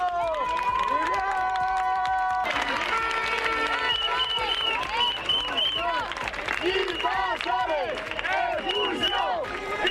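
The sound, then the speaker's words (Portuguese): A crowd of onlookers on a beach shouting and yelling loudly together outdoors, cheering on a group setting fires and causing damage, overlapping voices rising and falling continuously in an excited, chaotic din, with whoops and cries throughout. “Así os animaban, como escoitan outras persoas que estaban mirando o berro de invasores expulsión.”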